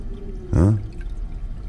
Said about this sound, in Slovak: Skúsim ten splachovač. Musím to, inak do rána nezaspím.